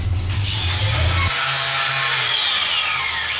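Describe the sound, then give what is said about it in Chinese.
A power tool grinds steadily and loudly, a harsh continuous whine with a deep motor hum that drops in pitch partway through. No one speaks. “有时候打磨吧，一下磨指甲，指甲直接就熟了，然后特别疼。”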